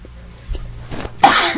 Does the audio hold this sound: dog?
no